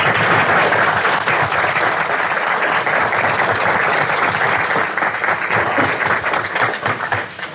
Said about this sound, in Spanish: para quien también pido un grato aplauso.